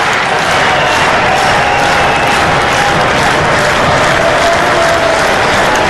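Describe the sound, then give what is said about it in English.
A ballpark crowd at a baseball game involving Texas roars and cheers as the count goes to 2-2 after a foul ground ball, in a loud, sustained wash of noise with scattered clapping, broken by a few faint whistles, lasting the whole stretch without letting up. “So the crowd comes alive here.”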